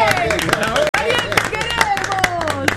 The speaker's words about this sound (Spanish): Hay que aplaudirlo antes que no diga. Hay que aplaudir. ¡Bien!